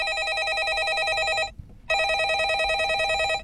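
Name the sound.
landline telephone bell ringing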